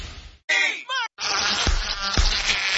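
A mosquito whines in short wavering buzzes, followed by a dense rustling noise punctuated by two sharp, low thumps like slaps.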